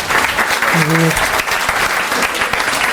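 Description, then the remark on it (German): An audience applauds in answer to being asked who had a nice day today, with dense, steady clapping that fills the whole stretch, while a brief cheer or shout rises over it near the start. “Wer von euch hatte heute einen schönen Tag? Klatscht mal bitte.”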